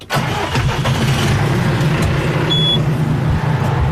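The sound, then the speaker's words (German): A tractor pulling a trailer with four large water tanks drives down a hill to a hydrant near a village to fetch water, its engine giving a steady, deep rumble at constant loudness, with a short thin high whine partway through and no talking. “Gut, Der Traktor und ein Anhänger mit vier großen Wassertanks ist parat.”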